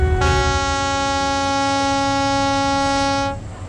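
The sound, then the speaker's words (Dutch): A novelty horn gives one long, steady blast of about three seconds, a loud, brassy, buzzing tone that holds a single pitch and then cuts off abruptly. “Heb je geen rare toeter? Ja, we hebben meerdere opties.”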